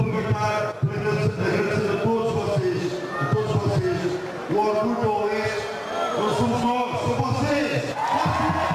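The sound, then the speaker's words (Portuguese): A crowd of football fans shouts and chants together, led by the players, celebrating the club's return to the Primeira Liga, many voices blending into a loud, continuous roar with sung, rising-and-falling phrases throughout. “Por entre gritos e cantigas que os jogadores pediam coro aos adeptos, o treinador Luís Tralhão agradeceu o apoio dos últimos dias.”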